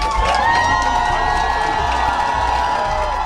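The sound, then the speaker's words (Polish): A large crowd of fans cheers and shouts continuously at Chopin Airport in Warsaw, welcoming Poland's volleyball players, the European Championship gold medallists returning from Milan; a dense, loud wall of voices with high-pitched whoops and children's yells rising above it, sustained without pause. “Tłumy kibiców przywitały naszych siatkarzy na lotnisku Chopina w Warszawie.”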